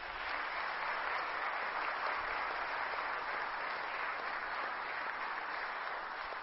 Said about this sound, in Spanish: Un fuerte aplauso.